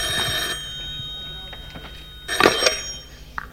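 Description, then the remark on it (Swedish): An old-fashioned telephone bell rings on a stage in two bright, metallic bursts, a short one at the start and a louder one later, over a low steady hum. “Är det här det ringer? På scen?”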